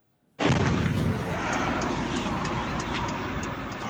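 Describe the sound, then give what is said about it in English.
After a moment of silence, a drone strike explosion hits a residential building in Russia's Tatarstan region, more than 1,000 kilometres from Ukraine, with a sudden loud boom, then a heavy, broad roar and rumble that holds steady for several seconds. No one speaks. “This is the moment a residential building was hit in Russia's Tatarstan region, more than 1,000 kilometres from Ukraine.”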